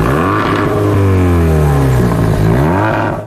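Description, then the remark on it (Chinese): A loud, throaty engine of an illegally modified motor vehicle, seized by traffic police in Bozhou, China, revs, its pitch climbing and falling in repeated surges across a few seconds, with no voices. “现场交警还查获了一辆涉嫌非法改装的机动车。”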